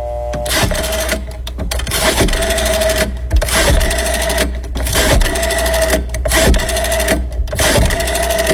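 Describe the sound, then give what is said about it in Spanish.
An old telephone bell rings loudly as Marcelo Bielsa calls, a rapid metallic clatter repeating in bursts separated by short pauses, with no voices. “¿Qué teléfono viejo que tiene Bielsa?”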